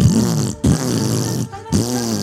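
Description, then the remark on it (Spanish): A voice imitates a motorcycle revving with a microphone held to its exhaust pipe, as heard through a loudspeaker, with buzzing, sputtering lip noises in three loud bursts, each rising and falling in pitch, separated by short pauses. “Con la moto encendía, el secretario le ponía el micrófono al tubo escape y el otro aceleraba.”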